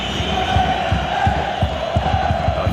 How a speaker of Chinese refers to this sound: 巴萨的连续的传控也是让奥萨苏纳队球迷非常不满，全场暴雨嘘声。